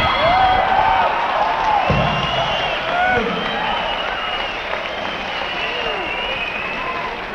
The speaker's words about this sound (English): we notice the girls don't usually scream out, but the boys that are screaming out, when they want to be entertained that fast, stay away from them.